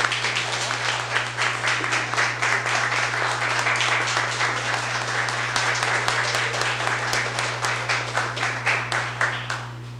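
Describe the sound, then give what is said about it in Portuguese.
A crowd in a city council chamber applauds steadily for about ten seconds during a council session, applauding two women, a dense rattle of many hands clapping at once, with a constant low electrical hum beneath it. “E hoje eu libero a colaboração de todos e as palmas para elas.”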